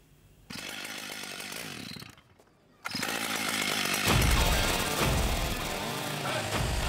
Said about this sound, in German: Vier Meter lang, 80 Zentimeter dick, Eiche massiv. Georg Maurus macht Kunst mit der Kettensäge. Als Crazy George will er aus diesem Stamm Wildschweine aussägen.